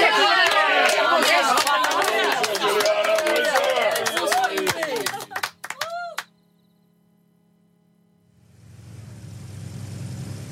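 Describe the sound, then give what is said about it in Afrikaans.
A loud, dense standing ovation with cheering and whoops after a candidate's speech at an election campaign event fills the first five seconds, then breaks off abruptly into near silence before a steady low rumble of noise rises. “Wat 'n goeie toespraak en 'n staande applous.”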